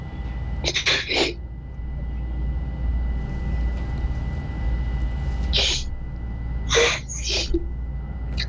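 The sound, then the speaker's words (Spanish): A woman crying with emotion and joy, heard as a few clusters of sharp, breathy sobs and sniffles, separated by pauses over a steady low background rumble. “Está llorando de emoción.”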